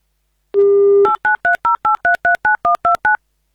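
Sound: telephone dialing tones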